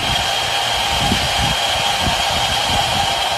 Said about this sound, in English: The K-12 school holds classes outside and say the noise is around 70 to 75 decibels, somewhere between a washing machine and a blender. Here's what the mine sounds like.